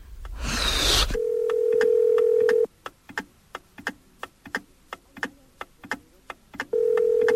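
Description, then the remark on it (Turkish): A telephone ringback tone heard while waiting for an answer: a steady low buzzing tone, a pause filled with faint regular ticking clicks, then the tone starts again. There is no talking. “Hadi aç şu telefonu”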